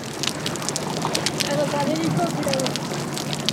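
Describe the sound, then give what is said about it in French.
Faint underwater crackling in the sea away from the port, a dense, steady patter of tiny snaps and pops that continues throughout, with a soft, muffled background wash and no boat noise. “On entend plus distinctement les petits crépitements, je trouve.”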